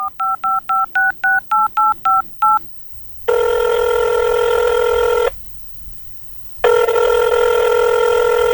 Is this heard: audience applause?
no